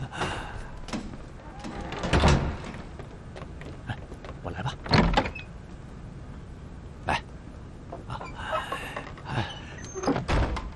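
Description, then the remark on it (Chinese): A shop door is pulled shut as the shop closes for the night, with several rattling bangs and thumps spread across the moment, moderately loud, with faint background noise and no talking. “关门打烊了。”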